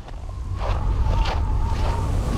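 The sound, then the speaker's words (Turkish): Strong wind roars steadily by the water in winter, with ice and snow on the ground, a dense low rumble with gusting bursts of hiss rising and falling, plus a faint thin tone running through it; no one speaks. “Burada korkunç bir rüzgar var.”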